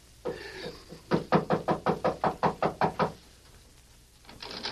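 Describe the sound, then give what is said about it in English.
A quick, steady run of about ten loud knocks on a door, evenly spaced and sharp, preceded by some softer shuffling sounds, with no one speaking. “Knock on the door”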